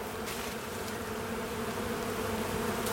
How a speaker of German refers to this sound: Nur ein Schwarm Bienen erfreut sich gerade am dichten Grün.